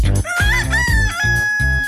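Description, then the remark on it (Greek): A loud rooster crows in long, drawn-out harmonic calls, broken by short, rhythmic clucking bursts across about two seconds, with no talking. “Απ' το πρωί τους ακούν και τα κοκόρια.”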